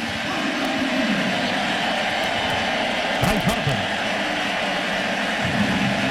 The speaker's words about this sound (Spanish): Peters se va a estrenar, se estrenó, captura la pelota, Tristan Peters, que había entrado por Cody Bellinger, es el primer out del inning. Y entonces, aquí recibe la ovación.